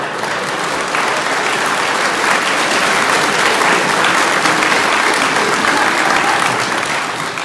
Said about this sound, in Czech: Vy tleskáte ze slušnosti nějak.